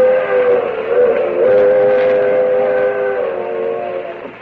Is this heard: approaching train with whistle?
yes